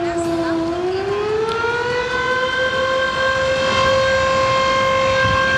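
Sirens of the 10 fire companies in Valdivia wail steadily, a long rising tone that climbs in the first second and then holds loud and sustained, with a rumble of street noise underneath, marking the start of an earthquake drill.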